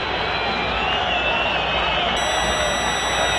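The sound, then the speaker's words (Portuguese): A huge stadium crowd of more than 40,000 at Arena Corinthians booing Santos at the end of the first half, with Santos trailing Coritiba 0-3: a dense, steady roar of voices that holds at an even loudness for the whole few seconds. “Mais de 40 mil vozes vaiando o Santos.”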